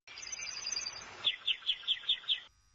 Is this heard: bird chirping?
yes